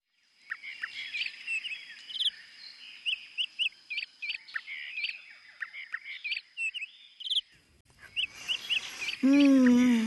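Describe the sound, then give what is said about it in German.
Lively birdsong of many colourful birds by the sea fills the air: many short, bright chirps and warbling calls repeat in quick bursts, with a steady high whistle underneath, and near the end a voice briefly speaks over the birds. “So viele bunte Vögel, duftende Blüten und das Meer.”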